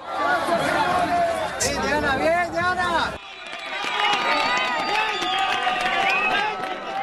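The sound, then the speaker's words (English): A large crowd shouts and cheers excitedly as a woman is rescued alive from earthquake rubble in Colombia, many overlapping loud voices sustained for several seconds with a brief dip midway before the clamor resumes. “when you hear that cheering, that joy, does that take you back to those moments when you managed to pull those 7 out?”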